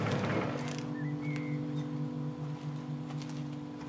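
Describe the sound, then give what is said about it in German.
A car engine idles during a police stop with a steady, low droning hum that continues at an even level from start to finish, with no clear cutoff; no one speaks. “Polizei, machen Sie den Motor aus!”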